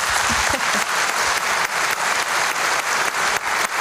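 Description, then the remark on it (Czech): Steady, dense applause from an audience for a singer whose CD earned a gold record this week, loud and continuous throughout with no talking, many clapping hands at even intensity. “Ale tento týden za to CDčko dostal zlatou desku, tak mu ještě jednou zatleskejte.”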